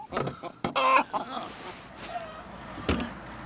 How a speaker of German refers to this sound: sind wieder bei den Hühnern.